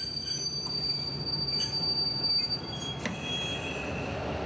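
A train locomotive shunts slowly along the rails to get to the front of the train, with a steady low rumble and high metallic wheel squeals drawing out above it, fairly loud, with no voices.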